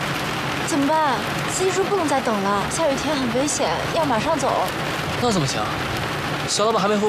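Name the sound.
rain falling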